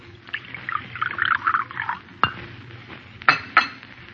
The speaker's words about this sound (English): Here, I'll pour you some coffee.